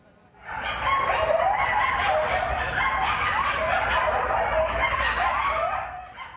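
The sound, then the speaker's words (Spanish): A pack of coyotes that has settled at an abandoned construction site in West Hollywood howls and barks together, a dense chorus of overlapping, wavering high-pitched cries that holds steady and loud for several seconds before trailing off. “Residentes reportan aullidos y ladridos durante la noche que incluso les impiden dormir.”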